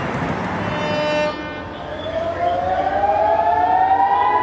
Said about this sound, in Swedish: Iranska raketer mot Israel som lyser upp natthimlen och enligt iransk stats-tv jubel från åskådare på marken som följs av flyglarm i Haifa i norra Israel.